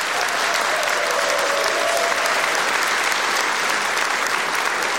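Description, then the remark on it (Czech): Sustained applause from a large audience at the opening of the new spa season in Luhačovice, a dense, steady wash of clapping at constant loudness for the full five seconds, with a faint hint of crowd voices beneath. “Dámy a pánové, velmi děkuji za krásný potlesk, ale teď si připravte pořádné potleskání”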